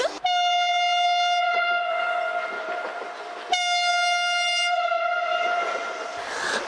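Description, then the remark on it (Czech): A train arriving at Zpívanovice station sounds two long, loud, steady horn blasts, one right after the other, with a faint rumble of rail noise beneath and no voices. “A protože tenhle vlak přijel”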